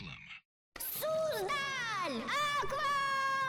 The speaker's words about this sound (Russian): Именно так звучит счастье, которое испытывает ваш ребенок в аквапарке «Суздаль Аква». И радость, и восторг тоже будут звучать именно так.